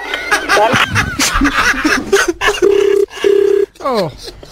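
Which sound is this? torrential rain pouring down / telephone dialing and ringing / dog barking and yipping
telephone dialing and ringing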